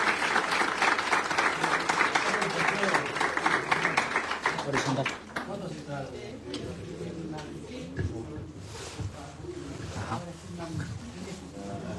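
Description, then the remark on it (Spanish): Loud, dense applause from an audience fills the first five seconds, then fades into a softer patter of clapping beneath a man speaking over a microphone, at a ceremony in Río Negro province where a family receives its property deed from the provincial governor. “Fuerte el aplauso para esta familia que viene a recibir su escritura en el día de hoy.”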